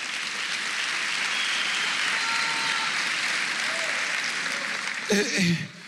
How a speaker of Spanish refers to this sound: Denle un aplauso al Espíritu Santo. ¡Aleluya!